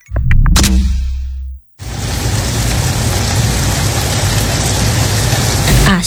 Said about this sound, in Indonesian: Asik, hujan deres. Tidur makin nyenyak nih. Taulah Ikam, suara hujan masuk dalam kategori white noise yang bisa membantu kamu tidur lebih nyenyak.